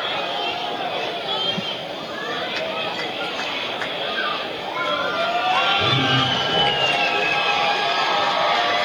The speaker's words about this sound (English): Brewers still trailing at Colorado, 2-1, last of the third. Crowd makes some noise.